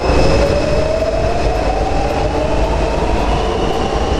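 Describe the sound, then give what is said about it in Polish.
A Warsaw metro train rumbles steadily along its tracks, with loud, dense low-frequency roar, a rising tonal whine, and faint rhythmic clicks from the wheels, heard from inside the moving carriage. “A dzisiaj jesteśmy w metrze?”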